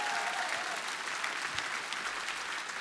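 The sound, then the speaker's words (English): A large audience in Tampere applauds steadily during band member introductions at a concert, a dense wash of many hands clapping at once, sustained and fairly loud throughout, with no distinct voices standing out. “Yeah, Tampere, keep that Tampere applause spicy.”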